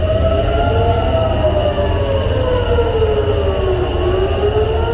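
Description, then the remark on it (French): Air raid sirens wail continuously in the morning in Tel Aviv, Israel, after hostilities between Israel and Iran resumed, their tones slowly rising and falling and overlapping, loud and steady over a rumbling background with no voices. “Des sirènes qui ont retenti ce matin à Tel Aviv.”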